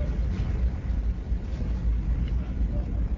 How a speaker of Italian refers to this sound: In questo momento il traghetto è partito, stiamo sentendo dei rumori inquietanti. C'è un rombo pazzesco.